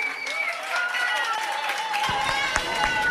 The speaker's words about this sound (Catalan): Aplaudiments a la Plaça Nova de Premià de Mar.